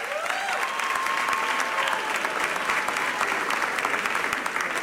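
A crowd at the Festival Termómetro 2026 claps steadily for a contestant for several seconds, a dense, even wash of many hands with a few whistles or cheers rising above it, no pauses.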